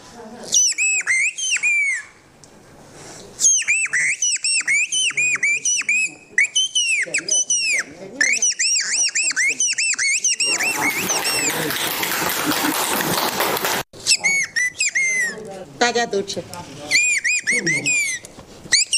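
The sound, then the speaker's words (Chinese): A person performs a whistled imitation of bird calls for people eating: bright, high birdlike calls in rapid trills and chirping runs, mostly alone, with a brief burst of noisy cheering or applause in the middle and a few spoken words. “刚才是学的鸟”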